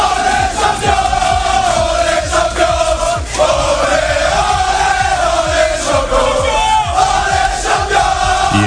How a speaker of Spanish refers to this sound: El partido acabó con empate a uno y tuvo que resolverse en una agónica tanda de penaltis donde los de Luis Enrique se impusieron por 4-3. Así lo celebraban minutos más tarde en el vestuario.